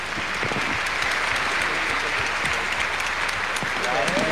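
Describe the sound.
A crowd applauds steadily, with many hands clapping in a dense, even patter that holds at full strength throughout. A voice briefly rises over it near the end.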